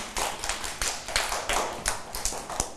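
A small group of children claps their hands in a quick, uneven patter of sharp slaps lasting a few seconds, moderately loud, with no voices over it, praising a classmate's artwork during a class art activity.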